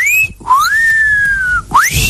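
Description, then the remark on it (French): A person whistles a short phrase of La Marseillaise, imitating a myna bird that had been taught to whistle it: clear, sustained notes with quick upward slides between them, loud and alone with no talking. “J'avais acheté un merle des Indes et je lui avais appris la Marseillaise, il sifflait la Marseillaise, il faisait”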